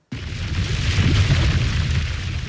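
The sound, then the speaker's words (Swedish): A sustained, roaring eruption boom of the Hunga volcano off the island nation of Tonga in 2022: a sudden onset into a dense, rumbling wall of noise with heavy low-end energy and hiss, steady and loud throughout with no voices. “Ja, så här lät det när vulkanen Hunga utanför önationen Tonga hade ett utbrott 2022.”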